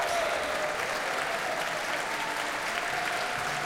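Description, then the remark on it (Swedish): Steady applause from a large concert audience in Berwaldhallen as Barbara Hannigan returns to the stage with George Benjamin and the Swedish Radio Symphony Orchestra, a dense continuous patter of many hands clapping at even volume throughout, with no voices standing out. “Och hon får komma ut på scenen en gång till och ta emot publikens applåder.”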